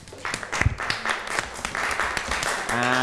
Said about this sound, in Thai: เอาละครับปรบมือให้กับเพื่อนหน่อยครับ